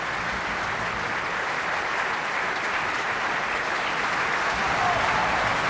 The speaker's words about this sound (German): Das ist der Applaus für Andreas Bauer Cannabas. Er hat Stefano Colonna gesungen, den anderen Widersacher Rienzis.